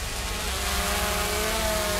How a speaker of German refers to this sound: Und zwar das Geräusch von Drohnen. Diese Drohnen fliegen über die Strände in Griechenland und filmen.